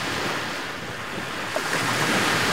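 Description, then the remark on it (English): Ocean waves wash steadily onto the long, sandy, half-moon beach of Playa San Francisco, framed by rock formations, in the early morning; a continuous broad hiss of surf that swells slightly louder near the end, with some wind rushing across the microphone and no voices. “The long, sandy beach curves into a half moon, cradled by dramatic rock formations that end in the warm blue waters”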